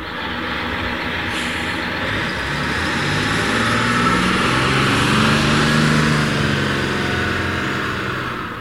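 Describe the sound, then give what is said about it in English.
A bus rolls up to a bus stop with a deep, steady engine rumble and a broad road roar, the engine tone shifting slightly as it slows and settles, with no voices. “As the boys passed the bus stop, an elderly woman got off the bus carrying 2 heavily laden grocery bags.”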